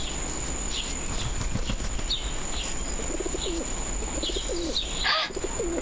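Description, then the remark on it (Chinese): A single pigeon, a neighbour's bird wearing a distinctive leg ring, coos in soft, repeated low warbles over steady outdoor background noise, with a few faint chirps and a brief rustle near the end. No one speaks. “鸽子，哦，你们看，有一只鸽子。”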